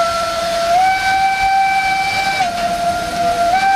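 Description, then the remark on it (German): A steam train's whistle blows loud in one long, steady sustained tone with slight pitch shifts, ringing over hissing steam and rumbling machinery, on the Furka mountain steam and rack railway in Switzerland, running through the Alps from canton Uri to Oberwald in Valais. “Eine Zugfahrt wie vor 100 Jahren mit einer Dampfbahn.”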